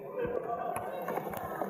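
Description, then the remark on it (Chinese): A few soft, irregularly spaced knocks on a door, fairly quiet, over a low steady background hum with no one speaking; someone knocking normally on a door in order to go in. “多么正常不过的敲门！”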